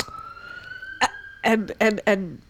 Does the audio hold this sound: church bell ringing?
no